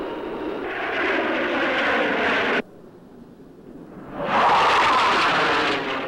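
Loud, steady roar of airplane engines that cuts off abruptly partway through, leaving a low rumble, then surges back in even stronger. No one speaks.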